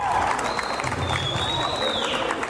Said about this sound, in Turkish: Rize'de dünya evine giren çift düğün salonuna file kurdu, ardından voleybol oynamaya başladı. Davetliler önce şaşırdı ama daha sonra alkışlarla destek verdiler.